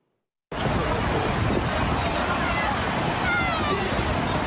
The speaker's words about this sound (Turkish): Bartın'da çok sayıda kişi dev dalgalara rağmen denize girdi.